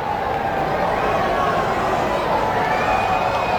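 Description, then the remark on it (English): A ballpark crowd at an Iron Pigs baseball game keeps up a steady, dense roar of cheering and voices, swelling slightly toward the end as a good portion of the fans do the wave late in the game. “Fans getting the wave going here late. Good portion of the ballpark.”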